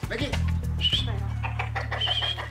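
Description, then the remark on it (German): A rooster crows twice amid scattered chicken clucks, over a steady low droning tone that runs underneath the whole time. “Hühner, oder besser gesagt Hähne”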